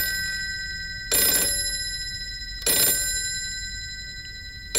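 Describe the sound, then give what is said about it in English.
A household telephone bell rings in two bright, buzzing bursts about a second and a half apart, with a third just starting at the end, over a steady faint background hum. No one speaks. “It's probably your father telling me to bring his Bible.”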